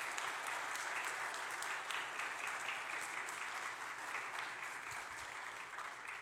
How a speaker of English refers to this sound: Would you both come forward? Please give these gentlemen a round of applause for all they do.